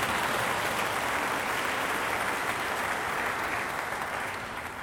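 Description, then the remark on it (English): Steady, dense applause from an audience, a loud continuous wash of many hands clapping that holds for about five seconds and tapers slightly at the end, with no voices over it. “Yes, you can clap if you want, by the way.”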